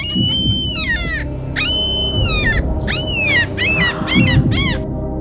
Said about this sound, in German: Es ist eine Möwe. Wirklich? Es war eine echte Möwe.